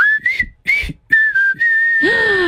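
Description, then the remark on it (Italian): A person whistles a short tune, a bright sustained melodic line with a few quick breaks and slides, ending on a rising then falling note. “Fischio l'ho fatto io.”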